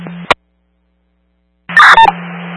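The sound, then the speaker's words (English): A sharp click, a pause of silence, then a brief burst of telephone keypad tones over a hissy, humming phone line, with a couple of clicks mixed in. “What is that phone number?”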